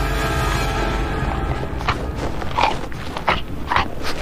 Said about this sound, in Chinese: 敌对狼群之间的相互攻击很常见，但这是第一次被全程记录下来的袭击杀戮。